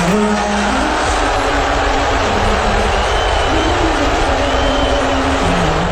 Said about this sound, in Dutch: En president Trump is behoorlijk uitgejoeld tijdens een van de finale wedstrijden van het Amerikaanse basketbalseizoen. In New York gebeurde dat. Tijdens het volkslied werd veel boe geroepen.